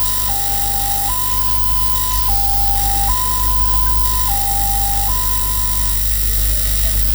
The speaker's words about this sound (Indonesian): Bunyi yang pertama mirip palang kereta api yang artinya ambulans sedang menjemput pasien.